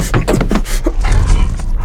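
Several dogs in front of a bus snarl and bark aggressively, a loud, continuous burst of growls and yelps over a low rumbling background.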